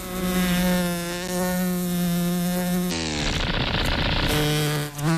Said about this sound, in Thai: แต่แมลงที่เป็นสุดยอดนักบินผาดโผนนั้นตัวเล็กและมีเสน่ห์น้อยกว่ามากแมลงวันรู้กันดีว่ายากขนาดไหนที่จะตีมัน